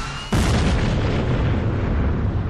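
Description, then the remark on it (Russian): The ammunition rack of a burning tank detonates: after a brief quiet moment, a sudden loud blast erupts and turns into a continuous, heavy roaring rumble that holds steady to the end, with no voices. “Каким-то образом мне все же удалось отбежать от машины на десяток метров, и тут сдетонировала боеукладка.”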